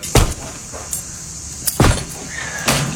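A back door being broken down: three heavy, irregularly spaced thuds and cracks ring out close by, separated by brief pauses and faint rattling, with no voices.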